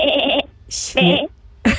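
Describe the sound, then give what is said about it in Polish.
A person imitates a sheep's bleat in two wavering vocal bursts, followed by a short breathy syllable and the start of another, all fairly loud. “gdyby Skuba, tak jak ty, umiał naśladować głos owcy”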